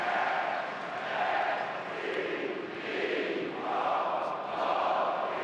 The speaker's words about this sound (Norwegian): Ja, bra med heia brøl nå altså på stadionet I Stavanger. Publikum fornøyde med det de ser av fjorårets seriemestre.